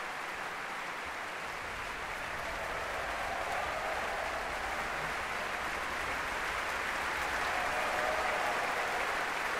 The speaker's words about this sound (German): Dieser Jubel, der gilt gerade den Schlagzeugern, die gemeinsam aufgestanden sind, hinten im Orchester.